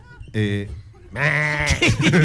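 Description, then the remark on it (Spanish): A person imitates a goat with a short nasal bleat, then a longer wavering bleat that breaks into a laughing tremble, loud. “La cabra, ¿cómo hace la cabra?”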